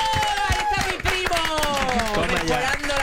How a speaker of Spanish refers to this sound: Recibe este aplauso canjeable por absolutamente nada.